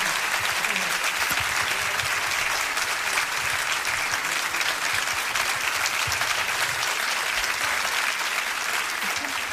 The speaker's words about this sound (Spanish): Muchas gracias. Fuerte el aplauso. Maestro, fuerte, invitó.